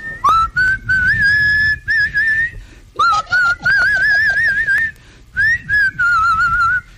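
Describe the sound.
A trucker on the radio whistles a flowing movie theme melody, loud, holding wavering, vibrato-like notes in phrases separated by brief pauses, with a soft low rumble underneath.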